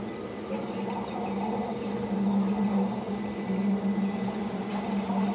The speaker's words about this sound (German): Der Zug nähert sich Arosa. Rund 1000 Höhenmeter überwindet der Triebwagen auf der nur 26 Kilometer langen Strecke. Es geht eigentlich immer nur bergauf.